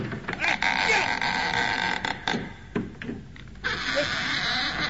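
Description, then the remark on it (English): A goat bleats loudly, a few drawn-out wavering cries broken by short pauses, over a rough, noisy background. “Hey, what are you guys doing with that goat?”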